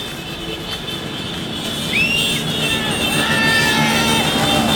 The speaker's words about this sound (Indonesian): Meskipun masih ada konvoy, tapi masih aman kawan. Oh, ada yang geber-geber motor juga ya.